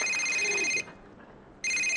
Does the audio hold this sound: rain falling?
no